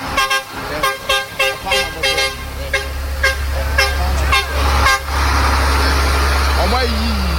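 A heavy excavator engine rumbles loudly and steadily throughout, while a horn sounds a quick series of about eight short toots in the first few seconds, then fades back under the drone.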